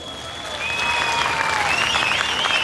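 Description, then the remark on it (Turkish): Steady applause from an audience at a Turkish folk song (türkü) event in Kırşehir, Turkey, a dense wash of clapping that swells slightly after the first half second and holds loud, with faint high whistles sliding above it. “Kıymetli konuklarımız, bu alkışlara layık olabilmek adına birbirinden güzel türküler icra edecek sanatçılarımız var.”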